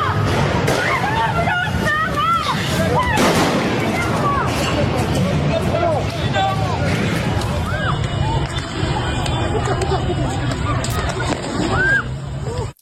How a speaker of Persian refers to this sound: نیروهای سپاه و بسیجی در حال شلیک. اون سنگی بوشهر، تیراندازی نیروهای امنیتی.